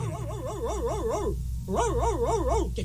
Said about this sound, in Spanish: Este es el perro zapato blanco. Y este es el perro de Juanita.